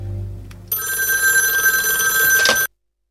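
A loud telephone bell rings in one sustained burst of metallic jangling for about two seconds, then stops abruptly into silence. A low hum precedes it.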